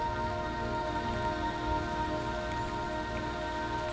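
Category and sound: nature, rain falling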